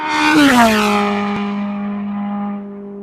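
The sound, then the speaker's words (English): A Formula 1 race car engine gives a loud, buzzy, high-revving whine that briefly climbs in pitch, then holds a steady sustained drone for about three seconds. No one speaks. “They reckon the sound of F1 is just so deafening when you're there.”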